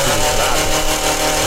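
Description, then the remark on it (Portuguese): A voice imitates a small motorcycle engine with a loud, steady, buzzing drone held close to the microphone for a second and a half. “Uma moto”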